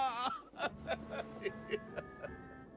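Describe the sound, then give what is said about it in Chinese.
A person sobbing with joy in a quick series of about eight catching, voiced gasps, each short burst breaking from the last in a steady, shuddering rhythm. “听到万德福喜极而泣的哭声，高大侠这才意识到自己刚才是昏睡过去了。”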